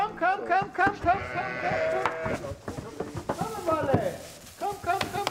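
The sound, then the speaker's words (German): Several pregnant sheep, just moved 50 kilometres from Palmsin to Fidschio, bleat over one another in wavering, nasal cries. It is a loud overlapping chorus with brief pauses, and faint shuffling underneath. “mit den trächtigen Schafen hat die 50 Kilometer von Palmsin nach Fidschio geschafft.”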